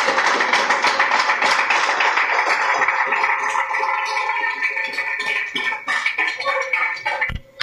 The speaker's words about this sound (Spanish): ¡Fuerte aplauso a nuestro Rey! ¡Gloria a Dios!